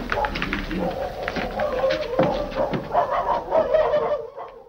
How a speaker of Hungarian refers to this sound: miért ugatnak ezek a kutyák? Biztosan a cigányok lesznek.